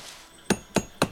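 Three sharp, evenly spaced metallic strikes ring out as a hammer drives a metal spike into a tree in the pale pre-dawn light to collect water. Each blow clangs briefly before fading into a quiet background.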